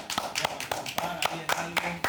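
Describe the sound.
Steady, evenly spaced hand claps, about eight sharp slaps in two seconds, like one person applauding, with a faint voice murmuring underneath.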